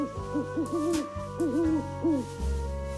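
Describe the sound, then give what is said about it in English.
An owl hoots in a series of wavering, rising-and-falling calls, three or four phrases close together over a steady low background hum, with no one speaking. “Look, an owl.”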